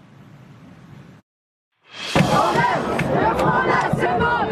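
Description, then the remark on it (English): A large crowd of thousands of protesters, students demanding more government spending on education, roars and shouts together in a loud, dense wall of voices in Bastille Square, Paris, France, starting after a brief silence, with a low murmur of street noise heard before the break. “Thousands marching in the streets demanding more money for schools.”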